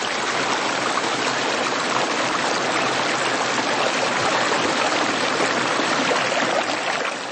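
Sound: creek water flowing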